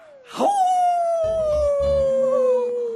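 A single long, loud howl rises sharply, then holds a steady, slowly falling tone for nearly three seconds, with low rumbling noise underneath partway through. Sounds like a wolf howling.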